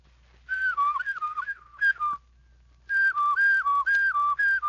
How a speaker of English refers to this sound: In a short while, if you practice daily, your whistle will sound more like this.